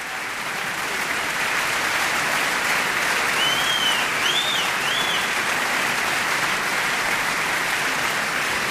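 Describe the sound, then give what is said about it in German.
A large opera audience at the reopening of the Cologne Opera on Offenbachplatz applauds steadily and loudly, celebrating the Gürzenich Orchestra and conductor Andrés Orozco Estrada, with a few high whistles or cheers rising above the dense clapping; no one speaks. “Sie hören das Publikum, da gibt es kein Halten.”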